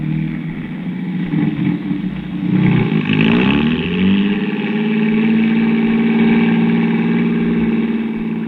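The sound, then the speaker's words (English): A car engine hums steadily, rising in pitch around the third second as it accelerates, then settling into a constant drone while the car drives along. No voices are heard. “Well, come on, let's get in the car.”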